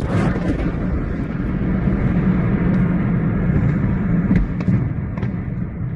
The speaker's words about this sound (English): You can just about make out at the end there a series of explosions, because what local residents didn't know was that the building was being used to store ammunition. The initial blast set off a chain reaction of detonations